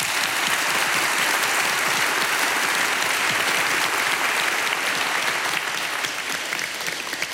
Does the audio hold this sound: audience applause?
yes